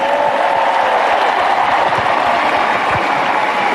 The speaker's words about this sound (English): So thank you. Please give yourselves a huge round of applause.